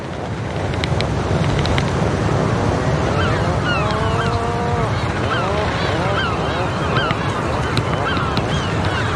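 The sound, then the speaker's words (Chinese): A colony of seabirds, newly returned after a winter apart, greet each other with overlapping grunting, honking calls in steady bursts, punctuated by a few sharp beak taps, all over a constant roar of wind and surf. “分别了一个冬天后，刚到的海鹰受到热情欢迎，他们相互用喙敲击并发出咕哝声示好。”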